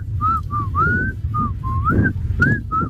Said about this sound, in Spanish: Y este es mi talento. Mi talento es poder silbar. A ver.